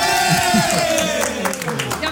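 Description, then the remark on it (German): A crowd cheers and shouts in celebration of the winning team, Team Alt, in a Team Alt versus Team Jung contest, a loud, dense wash of voices holding steady throughout, with a sustained tone running underneath. “Ich will jetzt gleich Jubel hören.”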